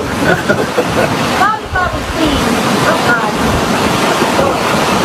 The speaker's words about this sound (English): Look, they're right on the ocean, too. They got waves crashing there. They're right on the ocean.